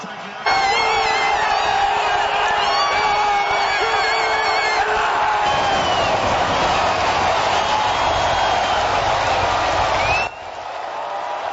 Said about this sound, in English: BC Place erupting into cheers when Canada scored in the second half of the game, sending the entire stadium to its feet.